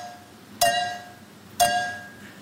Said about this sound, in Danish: han er simpelthen blevet slået nu af en tysk pige, der simpelthen kan høre, hvor mange milliliter der er i to glas, der bliver stødt sammen.